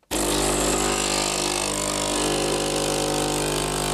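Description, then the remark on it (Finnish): An espresso maker brewing: a steady, loud mechanical hum with a hissing, buzzing edge that starts abruptly and drones on evenly for a few seconds, with no voices. “Tämä on tyypillisen espressokeittimen ääni.”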